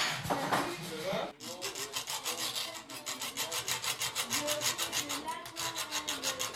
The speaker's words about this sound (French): Ce que j'ai dans les mains, en fait, c'est une scie à métaux.